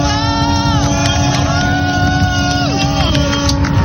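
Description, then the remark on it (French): Many boat horns blare together in a sustained, overlapping chorus as boats salute Charlie Dalin's yacht arriving at the Vendée Globe finish line, with smoke flares being lit. Their pitches slide and shift over a dense wash of crowd and engine noise, loud and continuous throughout. “Tous les bateaux qui sont en train de saluer et les fumigènes qui sont en train d'être allumés juste à côté de moi pour saluer l'arrivée de Charlie Dalin en direct.”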